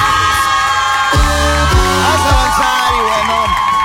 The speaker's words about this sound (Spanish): Por ese aplauso, muchas gracias, medio público.